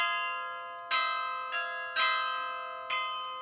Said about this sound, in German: Passt irgendwie zum wahrscheinlich jüngsten Glockenspieler Deutschlands,